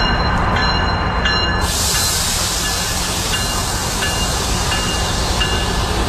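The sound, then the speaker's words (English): A GO commuter train rolls steadily along the Lakeshore West Line tracks west of Exhibition Station in Toronto, with a loud, continuous rumble and hiss and faint metallic tones ringing above the roar, with no voices. “I can see GO trains moving here again on the Lakeshore West Line west of Exhibition Station”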